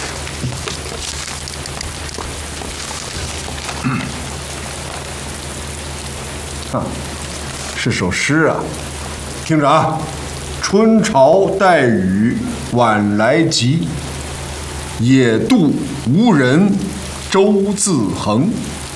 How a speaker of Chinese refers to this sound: 下雨了，各位，下雨了。哦，这场雨下的真是太及时了， 太好了。